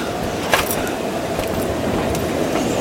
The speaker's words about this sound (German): Aber wollen Sie bis nach Nottingham fahren? Oder Liverpool? Oder wo auch immer sonst dieser gottverdammte Zug hinfährt?